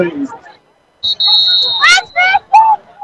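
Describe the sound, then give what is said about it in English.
At an American football game between the Green Wave and the Vaqueros, a referee's whistle gives one long, shrill, steady blast lasting about a second, over a murmuring crowd, followed by a few loud shouted voices. “This time we got another whistle blown.”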